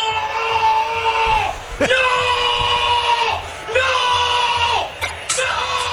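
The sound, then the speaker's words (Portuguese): A Peñarol supporter screams in a stadium during a football match against Corinthians, reacting to a shot attempted from the centre circle, loud: three long, sustained high-pitched yells, each tailing off, with brief pauses and a crowd murmur underneath. “O torcedor do Peñarol gritou quando o Maurício Lemos achou que ele ia fazer um gol do círculo intermediário”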